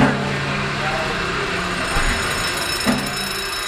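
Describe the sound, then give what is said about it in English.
The steam engine of the SS Jeremiah O'Brien at Pier 35 runs steadily, operated by a volunteer engineer, a dense mechanical rumble and hiss with a low droning hum, broken by a couple of brief metallic knocks. “Boy, that engine is smooth. I love when that engine takes off.”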